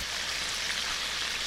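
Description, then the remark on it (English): A deep fryer sizzles in a steady, continuous hiss of fine crackles, even in loudness throughout, with no voices. “The sizzle of a deep fryer.”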